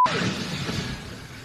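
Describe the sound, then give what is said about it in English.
A loud, roaring crash with crunching, shattering debris as an Amazon cargo plane overrunning its landing in Miami at nearly 130 miles per hour slams into vehicles on the ground; the noisy impact rumbles steadily across the brief moment before fading slightly. “This is the moment that the flight actually lost control. You can see it crashing into vehicles on the ground.”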